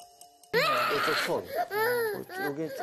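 After a short quiet opening, an 11-month-old baby in hospital treatment for burns bursts into loud, sobbing wails as foam disinfectant touches the wounds, crying in several strained, high-pitched bursts with brief gasping breaks between them.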